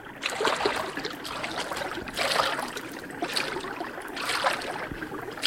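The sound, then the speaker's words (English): Someone wades through shallow river water among bulrushes, each step sending up a sloshing splash roughly every two seconds over a steady watery rush, and no one speaks. “Well, wade out there and find out what it is.”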